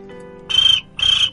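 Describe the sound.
A cricket chirps twice, two short, high, buzzy trills separated by a brief pause, clear with no voices over it.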